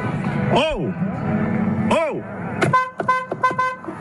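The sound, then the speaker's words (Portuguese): A car horn honks in a quick series of short, loud blasts, preceded by two longer rising-and-falling tones over a busy background, from a car waiting at a gate that the security guard will not open. “Carro, eu tô aqui na porta, o segurança não quer abrir a porta, peraí.”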